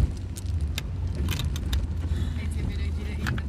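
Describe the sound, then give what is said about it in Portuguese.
The engine of an old car called Pequilho rumbles steadily while it is driven, and short, high-pitched squeaks and rattles chirp out irregularly over the drone, several times in a few seconds. “Então, olha esses agudinhos que ele faz.”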